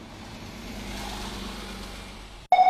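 A bus engine runs with a steady low rumble for a couple of seconds, then cuts off abruptly into a brief bright electronic tone.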